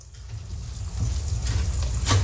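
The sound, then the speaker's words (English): Steady sizzling and frying of an omelette in a pan as someone cooks breakfast and flips the omelette, a continuous crackly hiss over a low rumble, with a couple of brief louder crackles toward the end. No one speaks. “Stop flipping the omelette, man.”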